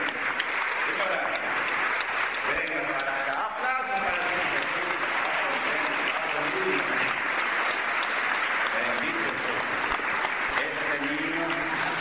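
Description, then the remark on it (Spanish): Sustained applause for the Lord Jesus from a large gathering at a Pentecostal church fills the space, dense clapping with voices mixed in and faint talking underneath throughout. “Aplausos para el Señor Jesús.”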